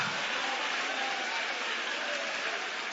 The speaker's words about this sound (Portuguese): Vai aplaudindo, vai adorando, vai exaltando, vai glorificando.